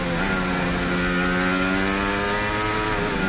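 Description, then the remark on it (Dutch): Verstappen's racing car engine roars steadily and loudly, its buzzing, harmonic-rich tone climbing gradually in pitch as it accelerates out of a corner with the steering straightened quickly, with no voices over it. “Minder wrijving op de vooras, uitaccelereren.”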